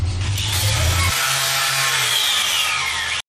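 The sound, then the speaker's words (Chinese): A power tool grinds steadily for about three seconds, a loud, harsh whir with a low motor drone underneath that shifts partway through, then cuts off abruptly. “有时候打磨吧，也是要磨指甲直接就熟了，然后特别疼”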